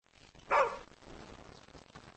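A single sharp bark from the dog Xiao Qiao rings out, loud and brief, then fades into a faint, low background hum with no further barking.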